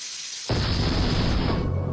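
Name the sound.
pressure cooker exploding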